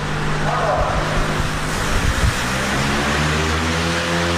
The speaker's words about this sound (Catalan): Som dins la nau del polígon de Caldes. El so del ventilador és present tota l'estona. Encarregat d'aixecar cel·lulosa, polímer, paper i sabó, simulant la neu que aixeca el torb i el que calgui.